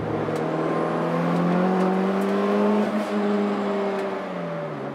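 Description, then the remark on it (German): A Honda CX car engine, a four-cylinder normally aspirated engine converted to turbo with a reinforced block, hums loudly, its pitch climbing slightly and then sinking again as it revs over about five seconds, with no voices. “Normalerweise ist das ein Saugmotor, Vierzylinder.”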